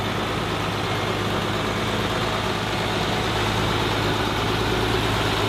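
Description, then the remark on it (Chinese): A heavy truck engine rumbles steadily as the truck slowly starts moving, carrying murals away from an archaeological dig site; a deep continuous drone with a broad hiss on top, holding even in loudness throughout with no voices. “卡车缓缓地开动了，含羞目中的壁画离开了考古工地。”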